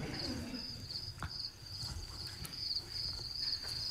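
Crickets chirp in a steady, continuous high-pitched trill throughout, with a few faint bird calls and soft low rumbling in the background; no one speaks.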